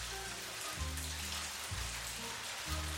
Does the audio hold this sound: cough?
no